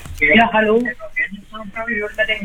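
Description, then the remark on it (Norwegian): A radio plays in the background of a phone call, its voices thin and band-limited, coming through steadily at moderate loudness with a slightly muffled quality. “Hei da, kan du være så snill og skru ned radioen litt?”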